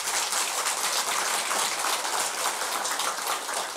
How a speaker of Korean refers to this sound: 박수 치죠.